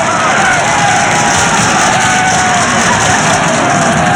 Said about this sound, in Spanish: La multitud se rompía las manos de tanto aplaudir.